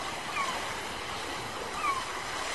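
Steady wash of ocean surf rolling onto a seashore, a continuous broad roar with gentle swells, plus two faint, brief high calls like seabirds.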